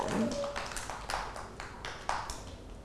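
Several children clap their hands in a loose, uneven rhythm, the sharp slaps moderately loud, with a faint high tone drifting in near the start.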